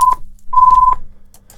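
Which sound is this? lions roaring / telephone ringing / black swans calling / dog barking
telephone ringing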